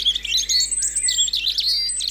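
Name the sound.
european robin singing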